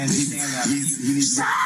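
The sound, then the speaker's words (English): A man screams loudly and continuously during a confrontation with a police officer, a strained, raw vocal cry with harsh high overtones that wavers in pitch over a second or two, unbroken. “He needs you can hear. Screaming going on here.”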